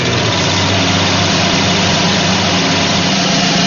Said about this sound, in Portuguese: A máquina que a vó tá usando é uma famosíssima máquina de costura.